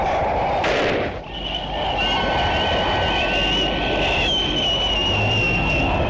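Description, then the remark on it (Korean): A sharp burst is followed by a sustained, rising high whistle as a red signal flare shoots skyward from beyond a mountain, over a steady rumbling roar of engines and wind from a motor vehicle unit waiting for aircraft to pass, carrying through the whole stretch. “자동차 부대가 비행기가 지나기를 기다리고 있는데 산 너머에서 붉은 신호탄이 하늘로 날아올랐다.”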